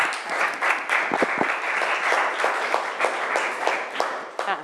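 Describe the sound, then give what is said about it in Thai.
Students in a class applaud for Khun Tik, steadily for several seconds, a dense crackle of many hands clapping at once with a few sharper individual claps standing out, fairly loud throughout. “ขอบคุณคุณติ๊กด้วยนะคะที่เป็นกำลังผลักดันอุตส่าห์ส่งไปรษณีย์มาให้เราได้เรียนรู้กันนะคะเอาปรบมือให้คุณติ๊กหน่อย”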